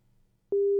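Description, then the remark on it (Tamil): A steady, loud telephone beep tone from a caller's line on a phone-in program starts abruptly halfway through and holds one mid-high pitch to the end, following a brief stretch of quiet low hum. “என்னடா இது, வந்தவங்க எல்லாம் பீப் சவுண்ட் நமக்கு கொடுத்துட்டு போறாங்க.”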